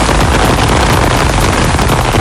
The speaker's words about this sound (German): Und das ist natürlich nicht der Sound von irgendwelchen Schnitzelchen, die langsam in der Pfanne vor sich hin brutzeln, sondern das ist der Sommerregen, der heute über Franken rüberziehen wird.